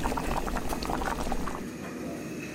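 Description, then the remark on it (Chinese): Wild mushroom chicken soup made with six kinds of wild mushrooms, a new hot-pot dish for a restaurant, bubbling at a rolling boil in a pot. Dense popping bubbles for the first second and a half, then it settles into a softer, steady simmer. No one speaks. “我们野生菌腌鸡汤有6种菌，把它组合在一起。”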